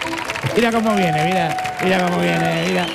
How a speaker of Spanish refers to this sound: Fuerte el aplauso